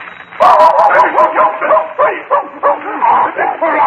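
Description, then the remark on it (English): A dog named Flash barks and yips excitedly, a loud, rapid string of high yelps and whiny barks running almost without pause for several seconds. “Dog away from me. Call him off.”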